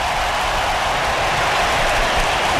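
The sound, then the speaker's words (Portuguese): A stadium crowd, English fans among them, applauds during a hydration break in a France versus England football match, in a dense, steady wash of clapping that holds at a fairly loud level for the whole stretch, with no voices standing out. “Até os ingleses estão aplaudindo.”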